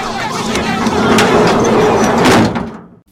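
A sliding door rumbles along its track for a few seconds, a steady rolling scrape with faint clicks, ending abruptly as it shuts, followed by near silence.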